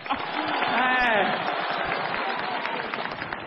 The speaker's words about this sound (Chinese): 来，朋友们，掌声鼓励一下。